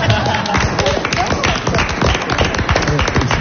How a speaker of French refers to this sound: Bon, on peut l'applaudir.